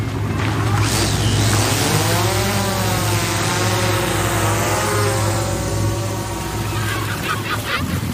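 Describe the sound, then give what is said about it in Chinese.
A loud, steady motorized whir of a whale research team's drone propellers spinning up at takeoff, its pitch rising then wavering over a constant engine-like drone and background noise for the whole stretch. “现在，研究团队配备了无人机。”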